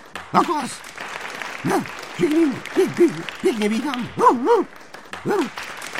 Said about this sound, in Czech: Zvířátka zuřivě tleskala. Jenom Vrána se chechtala a pískala.